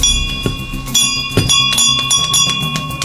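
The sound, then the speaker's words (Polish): A symbolic bell of gratitude from the Victory Bells initiative, donated by the Matka We Love foundation and hanging in a hospital neonatology clinic, is rung repeatedly and fairly loudly to mark a child's return home, each strike adding to a bright, lingering metallic ring that sustains throughout without pause; no one speaks. “Gdy dowiedziałam się, że jest taka inicjatywa Dzwonów Zwycięstwa, nie ukrywam, że moim takim marzeniem było, aby ten dzwon zawisł właśnie na tym oddziale”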